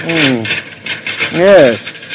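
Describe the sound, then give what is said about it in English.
A noisy dishwasher runs, churning with grinding, rubbing rattles and wavering squeals that rise and fall in pitch, swelling to a louder whine near the end of the short stretch. “Yes, it does sound a little noisy to me.”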